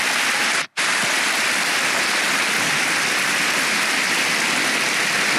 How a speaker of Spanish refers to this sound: Es una iglesia viva. Solo por eso dele un aplauso al Señor, hermano.